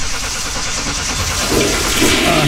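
A toilet flushes with a loud, rushing whoosh of water that swells and gurgles steadily for a couple of seconds, with no talking over it.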